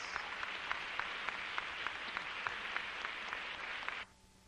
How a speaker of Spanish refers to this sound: Dele un aplauso al que vive. ¡Gloria a Dios!